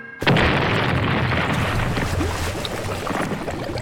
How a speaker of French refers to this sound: Et lorsque le scénario l'exige, elle n'hésite pas à faire exploser de vrais bateaux.